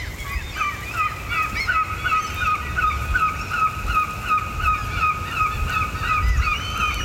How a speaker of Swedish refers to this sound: Alltså det låter ju som någon slags brandlarm eller ett äldre instabilt billarm eller något sånt där. Jag frågade en kvinna som gick förbi här med sin hund och hon sa att det där är en måsskrämma. Man har den för att skrämma bort måsarna från